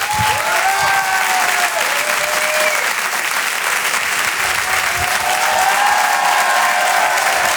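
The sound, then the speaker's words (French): A big audience breaks into sustained, loud applause for Quebec star Rachid Badouri, a dense wash of clapping that holds steady throughout, with a few whistles and cheers riding on top. “Je vous demande s'il vous plaît, mesdames, messieurs, un tonnerre d'applaudissements pour Rachid Badouri.”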